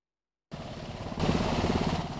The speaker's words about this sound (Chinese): UH-60M 黑鹰直升机吊挂油囊进场，随后为 AH-64E 阿帕奇直升机以及 OH-58D 战搜直升机实施热加油，也就是在引擎运转下进行油料补充作业。